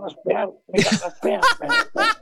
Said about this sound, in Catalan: Me hacen carraspear. Sí que és carraspeoso, sí.